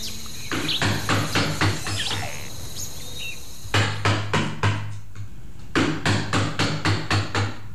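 Three bursts of sharp, rhythmic wooden tapping as a Hangzhou woodblock-printing craftsman carves a printing woodblock of the Northern Song text from Zhaoqing Temple, West Lake, Hangzhou, about six closely spaced knocks each, with faint insect or bird chirps in the background.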